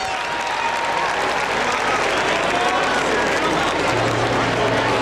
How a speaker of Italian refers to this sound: E un applauso a questa band fantastica.